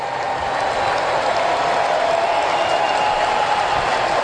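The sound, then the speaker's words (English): A large stadium crowd at a Braves–Phillies baseball game cheers on pitcher Chris Sale in the top of the second inning, a steady, sustained roar, a dense wash of voices and clapping that holds at an even loudness throughout, with no distinct speech on top. “Crowd getting behind Chris Sale.”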